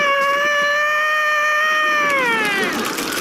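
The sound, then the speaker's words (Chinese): A person imitates a rooster's crow with one long, loud, strained high-pitched cry that holds steady and then bends downward at the end, with no other talking. “你这公鸡叫的太亢奋了呀！”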